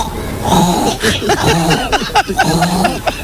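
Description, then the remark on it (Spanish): A woman on Basque regional television (ETB) imitates animal noises, such as a pig and a hen, in a quick, loud string of squeals, grunts and warbling calls that swoop up and down in pitch, with brief breaks between them. “Y así se tiró imitando a un mogollón de animales.”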